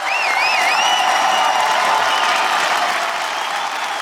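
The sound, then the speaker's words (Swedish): A large crowd of residents gathered outside the parliament in Budapest, Hungary, cheers and applauds continuously in the afternoon as Peter Madjar is sworn in as prime minister, a dense wash of clapping and voices with whistles rising above it, loud and steady throughout. “Jubel bland invånarna nu på eftermiddagen som samlats utanför parlamentet när Peter Madjar sågs in som premiärminister för en liten stund sedan.”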